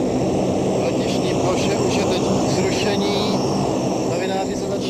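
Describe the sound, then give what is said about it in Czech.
A loud, steady roar from the engines of an airplane that has just landed and stopped, unbroken for the full five seconds, with a bit of voice blending into the dense rumble as pilots and International Red Cross representatives get off. “Letadlo stojí, teď vystupují piloti a představitelé Mezinárodního Červeného kříže.”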